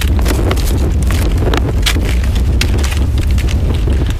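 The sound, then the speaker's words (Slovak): Strong, stormy gusty wind on a mountain ridge, as forecast, roars steadily, with deep rumbling buffeting and hissing bursts that swell and fade throughout, loud and unbroken with no voices. “To je ten búrlivý vietor podľa predpovede, jeho zvuk.”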